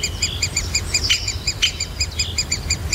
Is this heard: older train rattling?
no